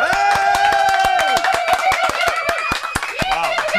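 Fast, steady rhythmic hand clapping, loud and close, keeps a regular beat throughout while sustained singing or chanting voices carry on underneath.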